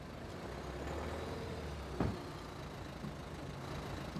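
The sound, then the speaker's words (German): A car with body damage from a minor accident is rolled slowly to check that it still moves, with a steady low rumble, broken by one sharp metallic clunk partway through and a few fainter knocks afterward. No one speaks. “Ja, das sieht gut aus, der rollt noch.”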